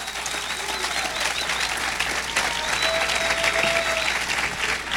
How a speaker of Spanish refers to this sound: Si el que siente aplaudir, pues que no tenga temor, pues.